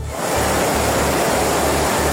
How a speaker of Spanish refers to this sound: Sí, la situación es especialmente complicada en el área de Barcelona, sobre todo en municipios como L'Hospitalet y Cornellà, donde la lluvia ya ha superado los 150 litros y hay calles y coches inundados. Este es el sonido a esta hora.